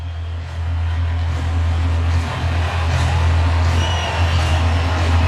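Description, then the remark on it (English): A large baseball stadium crowd at Tropicana Field roars with two out and two strikes in the ninth inning, a steady, dense wash of noise swelling louder early on and then holding at a high level, with a low rumble underneath and no clear voices. “And the crowd making noise and rising around Tropicana Field with two out and two strikes in the ninth.”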